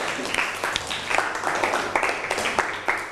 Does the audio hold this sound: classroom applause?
yes